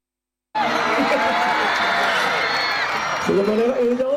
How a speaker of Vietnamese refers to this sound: Trên quảng trường mùng 10 tháng 3, đông đảo người dân du khách cùng hướng về sân khấu, hóa theo những giai điệu sôi động. Tiếng vỗ tay, tiếng reo hò nối tiếp nhau tạo nên không khí náo nhiệt của một đêm hội giữa lòng Buôn Ma Thuột.